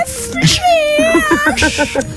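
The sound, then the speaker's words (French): A person mimics a cat with a drawn-out, whiny meow that slides in pitch, followed by a quick string of short, squeaky mewing sounds, fairly loud. “tu nous referais le petit chat, vas-y.”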